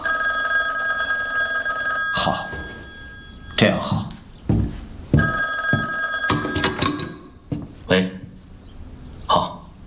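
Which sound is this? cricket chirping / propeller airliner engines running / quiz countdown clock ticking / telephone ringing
telephone ringing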